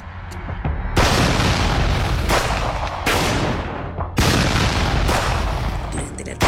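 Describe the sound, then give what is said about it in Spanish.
Several loud, sharp gunshot blasts, captured by security cameras, ring out at irregular intervals as armed attackers from four vehicles shoot at two pickup trucks on a public street, each one harsh and distorted as if picked up by a low-quality recorder, with a constant roar of noise between them. “Se realizaron varios disparos generando pánico entre vecinos y conductores.”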